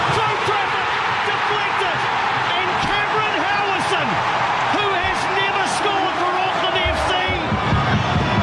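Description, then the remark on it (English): A huge football crowd roars continuously after the goal that put the New Zealand side 1-0 up against Sydney FC, a dense, loud wash of voices with rising and falling shouts and whistles running through it, steady for several seconds. “Like that crowd is so loud.”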